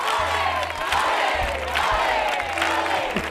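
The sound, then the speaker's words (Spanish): A thunderous crowd ovation with loud cheering and shouts, a dense wall of voices and applause holding steady and loud throughout. “¡Atronadora la ovación!”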